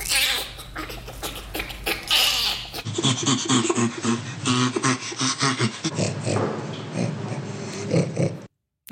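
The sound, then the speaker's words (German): Orangutan laughter: a run of rough, breathy grunts and snorting pulses repeating in quick rhythmic bursts, loud and without any talk. “Also das letzte klang doch eher wie ein Grunzen. Ja, ist aber tatsächlich das Lachen eines Orang-Utans.”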